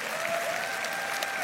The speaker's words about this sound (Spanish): Vamos, dale un aplauso fuerte al Señor.